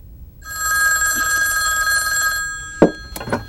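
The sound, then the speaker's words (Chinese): A telephone bell rings in one long, steady burst of bright, buzzing metallic tone lasting about two seconds, then stops, followed by a couple of short clattering handling sounds. “军座，马云飞的电话。”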